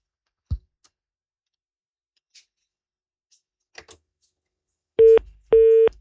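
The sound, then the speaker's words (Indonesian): A phone line goes dead during a call to the village head of Fatu Koto: faint clicks and line noise, then a busy tone starts with two loud, steady mid-pitched beeps separated by a brief gap. No one speaks. “Oh iya, terputus.”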